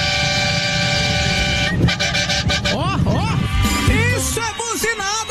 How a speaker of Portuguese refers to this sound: meus caras do Brasil inteiro buzinando na band